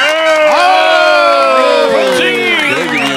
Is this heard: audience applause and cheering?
yes